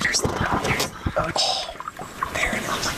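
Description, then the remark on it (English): Canoe paddles dip and swish through the water of a narrow, 20-mile-long lake surrounded by tree-covered mountains, in a few uneven strokes. Soft splashes and trickling drips fall between strokes, with faint murmured voices underneath. “We paddle past a pair of loons, an eagle perched atop a spruce, and watch a kingfisher in a streak of blue nosedive into the lake for a fish.”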